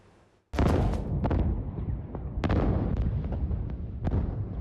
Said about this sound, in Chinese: 经调查发现，空地埋有铝和镁，遇水后引发连串大爆炸。